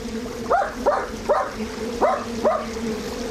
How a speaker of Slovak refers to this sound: Hej, psíček, čo tu robíš? No poď sem, skoč.